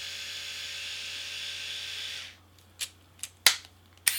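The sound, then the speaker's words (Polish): An electric shaver motor, started with the power button after the shaving heads are lifted off, runs with a steady, high-pitched buzzing whir for about two seconds, then stops, followed by a few sharp plastic clicks and taps. “Tak pracuje silnik golarki.”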